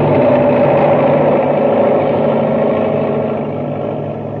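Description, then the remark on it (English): An enormous six-wheeled driller machine roars down upon people: a loud, steady mechanical roar with dense low rumble and a broad grinding hum that slowly fades slightly toward the end. “And now, as Buzz tries to pull Happy free, the enormous driller roars down upon them.”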